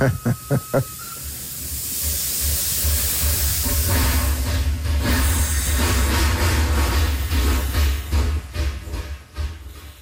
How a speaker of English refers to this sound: It's a chugging sound, eh? Like, I can still hear it in my mind. And it's the steam coming out of the engine.